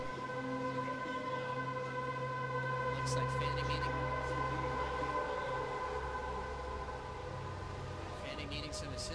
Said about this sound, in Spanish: Suena la sirena, la señal de alerta.